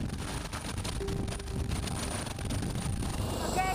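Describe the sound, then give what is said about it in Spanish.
Loud, steady roar of a helicopter in flight during training, heading to the Alps, heard from inside, with a constant low rumble, a thin high whine running above it, and faint rhythmic pulsing throughout. “Mi primer vuelo en helicóptero, qué miedo tengo en este momento.”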